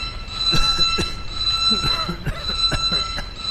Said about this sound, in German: schalte Alarm aus.